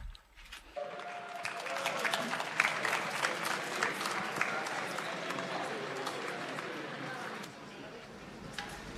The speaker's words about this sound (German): Wir rufen nun die Mitglieder der Gebetsgruppe Ubi Caritas. Mögen sie uns hier mit uns vereinen und begrüßen wir sie mit einem lauten Applaus.